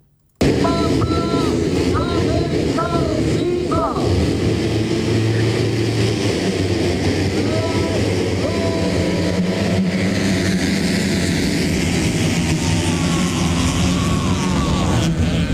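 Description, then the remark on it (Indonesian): Motocross motorcycle engines roar continuously as riders race on a dirt track in Pesawaran Regency, Lampung, Indonesia, on Saturday 10 October 2026, with repeated high-pitched revs rising and falling as bikes race past, a loud, dense buzz that never lets up. “Mesin motor memecah suasana Beruang Hitam Kabupaten Pesawaran Lampung Sabtu 10 Oktober 2026.”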